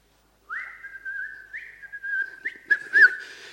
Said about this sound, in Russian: Я иду, свищу, вот так. Никого. Вдруг я налетаю на какой-то забор. Опять свищу. Ничего.